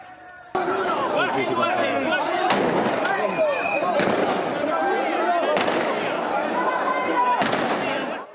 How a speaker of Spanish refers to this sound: La policía disparó municiones antidisturbios al aire y al suelo para intentar controlar la situación.